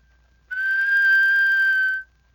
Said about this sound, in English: All you need is an ordinary whistle, an average ear for music, and a lot of practice. Let's start with a plain whistle.